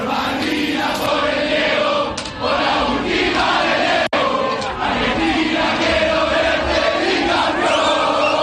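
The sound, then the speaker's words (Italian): A large crowd of Argentine football fans chants loudly and continuously, voices merging into a dense, rhythmic roar, with a brief sharp break midway before the singing carries on. “La rivalità ne viene accentuata e purtroppo incattivita, rievocata anche nei cori dei tifosi argentini che hanno riempito Atlanta prima e Kansas poi quando l'incrocio è andato a rendersi sempre più possibile.”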